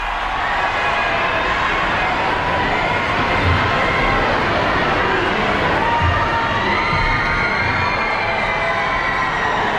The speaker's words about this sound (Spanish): El Papa, que ya está ahora mismo en el exterior de la catedral, en el patio de la Seu, en Barcelona. Y ahora sí se puede escuchar los gritos del público que llevaba allí esperándole algunas horas desde esta madrugada.